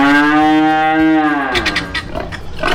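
A cow lets out one long, loud moo, low and steady with a droning tone, which breaks off after about a second and a half into scattered rustling farmyard noises.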